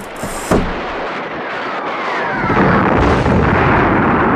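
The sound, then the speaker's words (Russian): Artillery shells burst across the whole hill in a sustained barrage, a sharp blast early on followed by a continuous loud rumble and crackle of explosions that swells heavier toward the end. No voices. “Оглушенные грохотом снарядов, рвущихся по всей высоте, они некоторое время стояли в ходе сообщения.”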